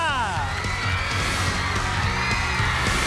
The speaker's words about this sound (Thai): สวัสดีครับ and a very warm welcome to the quiz show in English brought to you by จุฬาลงกรณ์ University ขอเสียงปรบมือต้อนรับน้องๆทั้ง2ทีมนะครับจากมอวิทยานุสรณ์และมหาวชิราวุธสงขลา